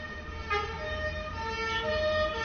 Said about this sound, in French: On entend une sirène de police qui s'approche. Qui vient sans doute de la rue du Four.